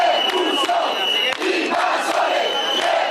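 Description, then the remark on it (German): An angry crowd of demonstrators, held back by police near a beach where migrants camp, shouts the slogan "Deport the invaders" together: a loud, continuous roar of many raised voices with rhythmic surges, no single voice standing out. “Schiebt die Invasoren ab, rufen die Demonstranten, versuchen einen Wagen des Roten Kreuzes mit Wasser und Lebensmitteln an der Einfahrt Richtung Strand zu hindern.”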